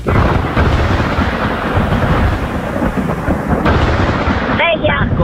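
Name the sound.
thunderstorm thunder rumbling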